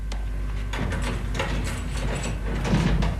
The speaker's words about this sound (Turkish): aç şu kapıyı. Baş deriz ağam.